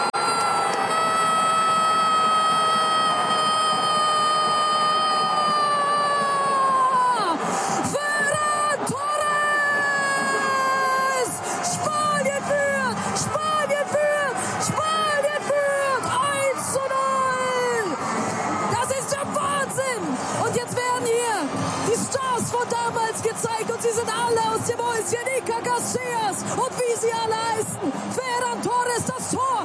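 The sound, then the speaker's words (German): A stadium crowd roars loudly and continuously after Spain's 1:0 winning goal in the 2026 World Cup final, heard in a live radio broadcast, while an excited commentator's voice shouts in long, drawn-out, wavering tones over the cheering. “Und so klang der spanische Sieg in der Live-Reportage, die auch hier bei uns im rbb24-Inforadio zu hören war.”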